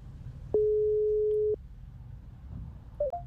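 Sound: telephone call ringing out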